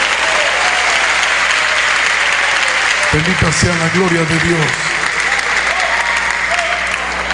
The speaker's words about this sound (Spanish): Dele fuerte el aplauso a Dios.